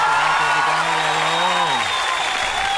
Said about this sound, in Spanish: Oiga, un aplauso.